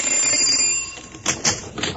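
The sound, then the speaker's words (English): A house doorbell rings with a bright, steady metallic tone for about a second, followed by two short, sharp clattering bursts. No one speaks. “We've only rung a little over 200 doorbells. Let's try this house.”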